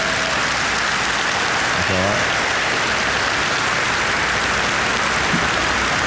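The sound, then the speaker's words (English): A crowd at a Reform UK speech applauds the speaker joining Reform UK and becoming its first Member of Parliament, in a dense, steady wash of clapping that holds at an even, fairly loud level for about six seconds, with a faint voice breaking through briefly partway in. “You can clap for that as well if you want to.”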